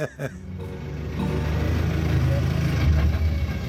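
A bus engine rumbles and idles steadily, a deep low drone that builds slightly after a brief clatter at the start and holds loud throughout.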